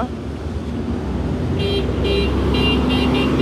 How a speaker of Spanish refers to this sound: Ese es el pito del bike X35 Turbo.